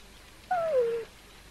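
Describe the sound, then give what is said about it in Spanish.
A single clear cat meow, a half-second call that slides downward in pitch, with quiet background before and after and no talking. “Vente, gato.”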